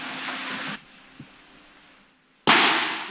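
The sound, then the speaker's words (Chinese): An electric fan beside an electrical distribution box short-circuits and burns as the circuit breaker for a second-floor canteen is switched on after flooding: a steady hiss cuts out, a faint click follows, then a sudden loud pop bursts into harsh crackling sizzle that runs to the end. No one speaks. “配电箱旁的风扇当即短路烧焦”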